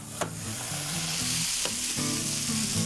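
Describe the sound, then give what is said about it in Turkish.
Steak sizzles steadily in a pan, a continuous loud hiss of frying with a few sharp clinks or scrapes of a utensil against the pan, and no voices. “Biftek var. Ağzına layık.”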